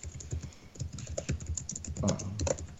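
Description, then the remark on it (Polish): Rapid, uneven clatter of keys being typed on a computer keyboard, moderately loud, with dense clicks continuing throughout and no one speaking. “to jak chcesz klepać, to nie zajmuję anteny”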